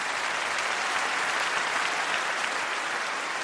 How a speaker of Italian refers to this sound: Questo applauso è il senso più bello di questa serata.